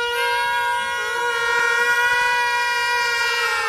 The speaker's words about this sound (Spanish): Sirena.